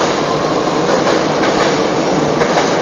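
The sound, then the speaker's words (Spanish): A subway train rumbles past, a loud, steady roar of wheels and rushing air that fills the whole moment without letting up, with no voices heard. “Espera que pase el tren, para que pase el subte este.”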